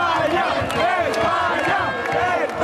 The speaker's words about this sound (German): Bierbecher fliegen durch die Luft, Fremde fallen sich in die Arme. Und mit dem Schlusspfiff verwandelt sich die Fanzone in ein rot-gelbes Jubelmeer.